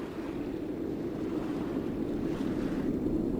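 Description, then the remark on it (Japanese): Ocean surf rumbles steadily against a rocky shoreline where opihi are gathered, a continuous low roar of churning water with no distinct breaks between waves, moderately loud, with no voices. “どの波が大きいか、何秒ごとに押し寄せるのか、次の波はどこまで上がってくるのか、海の呼吸をじっと読み続けます。”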